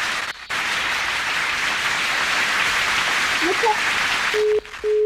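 A crowd bursts into sustained applause, a dense hiss of many hands clapping at steady loudness, ending abruptly with a brief beep-like tone cutting in at the close.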